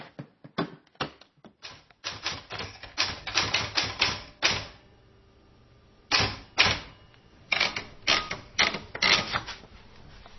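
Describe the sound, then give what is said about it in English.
Rapid clacking of typewriter keys in uneven bursts, with a pause in the middle before the typing resumes, clear with no voices. The typewriter sits on a little table in a kitchen. “The typewriter sits on a little table in Tyler's kitchen.”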